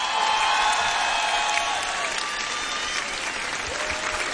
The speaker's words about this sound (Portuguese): Então, quero pedir um forte aplauso